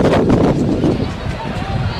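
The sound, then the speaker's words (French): A baseball crowd at a Goldeyes game cheers and applauds a spectator's fine effort, a dense, steady roar of many voices and clapping that stays loud for the whole two seconds with no single voice standing out. “La foule qui reconnaît.”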